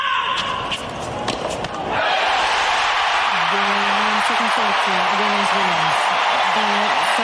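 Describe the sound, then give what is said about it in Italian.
A few sharp impacts ring out before a big tennis stadium crowd inside Arthur Ashe Stadium erupts into sustained, loud cheering and whooping, with an excited commentator's voice riding over the roar. “What an effort! What a noise inside Arthur Ashe.”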